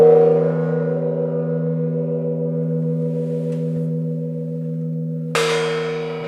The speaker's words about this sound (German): Hier zum Beispiel der Original-Gong.